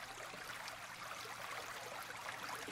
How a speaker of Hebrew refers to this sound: נשים לכם פה איזשהו עוגן צליל. היום דווקא בא לי ככה לעבוד עם הצלילים של מים זורמים, של נחל, שאתם שומעים בו באוזניות.